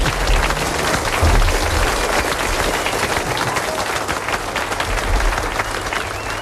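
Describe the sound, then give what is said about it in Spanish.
A studio audience on the Canal Sur programme applauds steadily, a dense wash of many hands clapping at once, loud and sustained throughout with no voices standing out. “Un aplauso, venga, adelante.”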